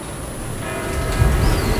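A church bell rings the hour of eight with a lingering, humming tone over a steady low rumble of outdoor noise, with no voices.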